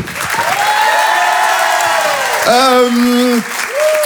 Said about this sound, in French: Je vous demande de l'encourager, de l'applaudir très très fort, s'il vous plaît. Voici Jérémy Nado.